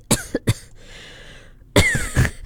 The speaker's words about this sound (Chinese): 你确定你要在 on air 的时候这样子咳，可能大家会被你吓到。 你们不要打进来这样子咳哦，我们会怕欸。